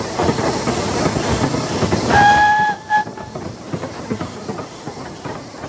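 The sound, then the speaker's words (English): A train rumbles past with a broad, steady clatter, and partway through a clear steam whistle sounds for about a second before the rattling fades into lighter clicks. “You're probably too old to remember, but there was a time when practically every triangular acre of country was carved up and crisscrossed by railway.”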